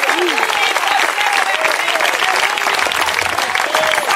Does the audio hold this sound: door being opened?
no